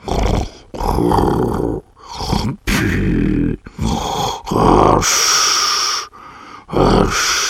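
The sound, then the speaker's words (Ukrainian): A voice imitates loud snoring, with a run of rough, rasping inhales and snorting breaths in a steady rhythm, each burst separated by a short pause. “Він наслухав під дверима і чув спокійне хропіння.”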